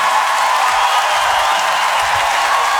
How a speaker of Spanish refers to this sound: ¡Aplauso fuerte, Julieta, bella!